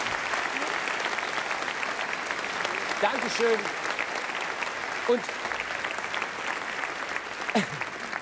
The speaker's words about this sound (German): Jetzt gibt's mal einen Applaus für unsere ehemaligen Brautpaare. Ich finde es so toll.